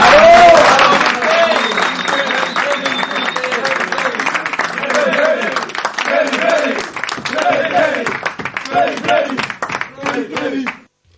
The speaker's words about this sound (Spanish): Entonces, bueno, les voy a dar un aplauso porque se lo merecen.